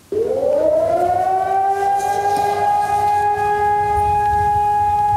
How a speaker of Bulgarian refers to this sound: На 2 юни България отбелязва Денят на Ботев и на героите, дали живота си за свободата на родината. Точно в 12 на обяд сирени огласиха цялата страна.